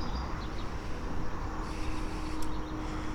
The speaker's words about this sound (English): And we can hear the traffic go by on Wenninghoff Road. You can probably hear the interstate traffic.